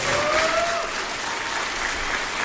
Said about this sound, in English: Every student that comes out here today, I want you to give them your loudest applause because they really deserve it.